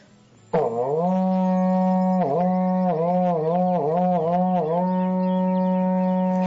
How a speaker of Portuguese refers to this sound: Toca o berrante aí, irmão.